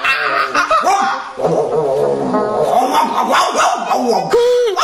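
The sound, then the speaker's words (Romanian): The dog Corbici barks and yelps excitedly in a rapid, nearly unbroken string of loud calls, with whining, rising and falling tones between the barks. “Ce se aude? Vai, vai, e corbici, câinele!”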